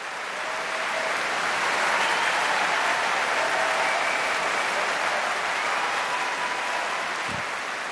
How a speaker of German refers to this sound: Und damit endet auch das offizielle Konzertprogramm von diesem Abend. Aber der Applaus in London ist groß und das Orquesta Nacional de España belohnt ihn mit einer Zugabe aus dem so reichen Fundus der spanischen Zarzuela.